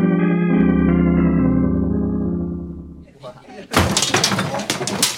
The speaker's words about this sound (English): Who knocked down the display? It was an accident,